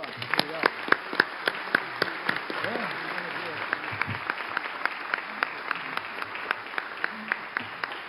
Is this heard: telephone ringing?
no